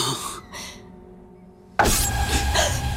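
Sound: knocking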